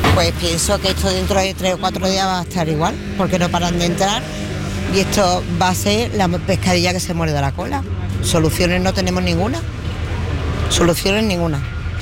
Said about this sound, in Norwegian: Med politieskorte ble busser med migranter sendt i retning grensa. Migranter forlater nå Ceuta over grensen til Marokko, og det skjer etter at politiet har gjort en aksjon i en leir på en strand lenger borte her.